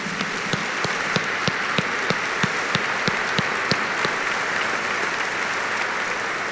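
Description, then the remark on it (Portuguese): An audience applauds steadily for several seconds in honor of Nossa Senhora Aparecida, the patroness of Brazil, a dense wash of clapping with sharper individual claps standing out at a fairly even rhythm. The level stays constant, and no one speaks. “Um aplauso à padroeira do Brasil.”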